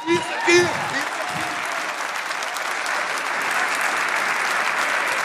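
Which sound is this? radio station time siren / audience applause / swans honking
audience applause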